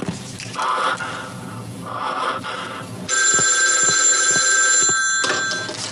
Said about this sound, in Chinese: 那你把电话快接上吧。 这就对啊。接军统贵阳站，说错一句话我打死你。